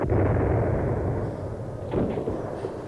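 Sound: distant gunfire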